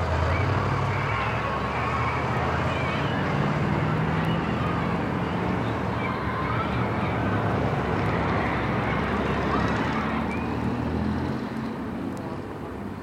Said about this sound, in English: As the bus starts and stops and starts again in the traffic, coughing and booming and grinding on its way.